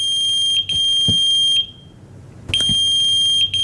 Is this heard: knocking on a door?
no